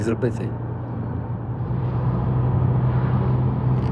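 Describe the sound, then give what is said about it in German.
A car with a normal manual gearbox, driven by a man wearing prostheses on the way to a prosthetics centre, drones steadily from inside the vehicle, a constant low hum that swells slightly as it drives on, with a few quick clicks at the very start. “selbst zu fahren. Mit einem normalen Schaltgetriebe.”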